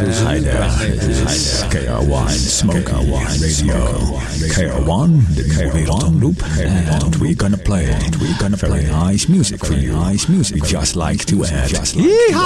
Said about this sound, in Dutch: Het is leuk, hè, zo'n echo-machine.